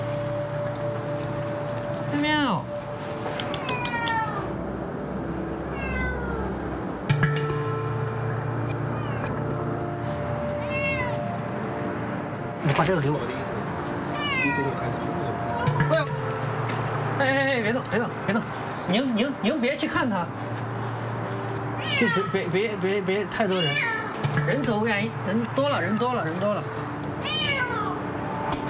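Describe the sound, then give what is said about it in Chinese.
A cat meows repeatedly in drawn-out, wavering cries, some loud, from a corner of the rooftop of a 28-storey building in Beibei, Chongqing, while people talk quietly over a steady low background hum. “重庆北碚，一个28楼，应该算是29楼天台顶上，一只猫猫跳到了角落里。”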